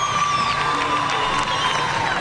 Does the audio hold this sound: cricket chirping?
no